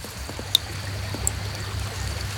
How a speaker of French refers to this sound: On est au bord d'une rivière. Est-ce que tu entends l'eau de la rivière?